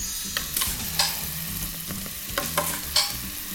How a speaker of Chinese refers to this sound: 锅子我们稍微热了一下了， 好， 我们现在先下酱进来。